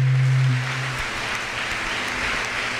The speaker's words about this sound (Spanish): Un aplauso a la Virgen María.